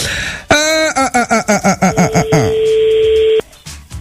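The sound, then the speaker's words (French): A telephone line sounds with no answer: a rapid run of short electronic beeps, then a long, steady, flat tone that holds for over a second before cutting off. No one speaks. “Répond pas téléphone.”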